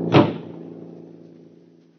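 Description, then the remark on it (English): A car door is opened and slammed once near the start, a solid heavy thump followed by a low, fading resonance with a steady hum underneath. No one speaks. “Now, open the door to the car. Throw him out of the car.”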